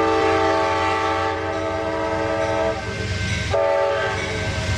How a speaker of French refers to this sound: Et puis bien sûr, quand t'as le passage d'un convoi de chez Amtrak, eh bien, il faut s'arrêter.